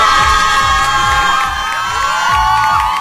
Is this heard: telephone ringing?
no